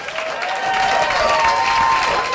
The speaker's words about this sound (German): Hier kommt ein Applaus.